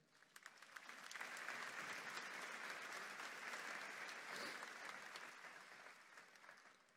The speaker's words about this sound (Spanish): Un aplauso para esta familia.